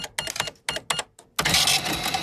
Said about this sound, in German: Wisst ihr noch? Das ist eine Kasse.